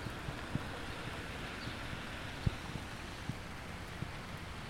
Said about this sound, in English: Now it's raining, but that's fine. And there's bird song. Traffic.